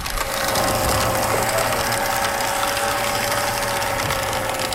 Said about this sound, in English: So it's basically turning your pages of book into confetti. Yeah. Pretty much. It automates everything for us. Goes right in there and then it comes out.